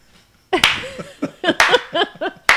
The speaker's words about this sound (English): Slow clap.